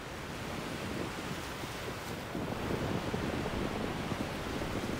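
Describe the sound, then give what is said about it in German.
Steady wind roars and buffets over rushing surf at a windsurfing beach at Prasonisi, the southern tip of the island of Rhodes, where the east and west coasts meet. A dense continuous noise that grows slightly louder halfway through. No one speaks. “Der Hotspot für Windfans heißt Prasunisi, am südlichen Zipfel der Insel. Hier treffen Ost- und Westküste direkt aufeinander.”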